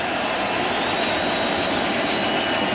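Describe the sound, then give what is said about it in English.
A steady, dense roar of a large baseball stadium crowd during a postseason game, as a Brewers hitter bats against pitcher Yamamoto, loud and unbroken for the whole stretch, with no individual voices standing out. “Crowd making plenty of noise.”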